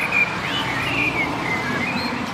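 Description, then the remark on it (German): A black bird perched alone on a fairly bare tree sings fluting, whistled phrases that rise and fall continuously, clear and fairly prominent over a steady background rumble of street traffic as the first cars come. “Ein schwarzer Vogel, mehr kann ich nicht ausmachen. Und der gibt wirklich alles.”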